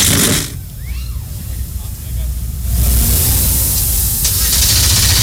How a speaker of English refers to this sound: The engines begin to fire. Trackside 38 NASCAR O'Reilly Auto Parts Series machines come to life.